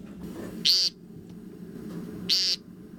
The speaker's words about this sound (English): So they have one of the most distinctive sounds of a spring evening. The American woodcock.